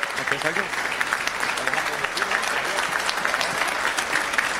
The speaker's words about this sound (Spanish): Un fuerte aplauso